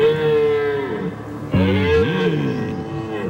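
Two long, deep bellowing roars from a rutting stag at the Geisberg during the October rut, one after another, each rich and droning with a wavering pitch that bends and dips toward the end. No one speaks.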